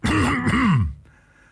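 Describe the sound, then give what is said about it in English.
A man clears his throat loudly and roughly, a gravelly, voiced rasp lasting under a second, then fading into quiet. “Pardon me for the coughing.”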